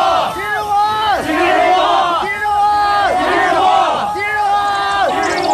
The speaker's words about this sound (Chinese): 蔡元培躲在门卫房里，表情呆然地听着轰然涌动的脚步声和口号声。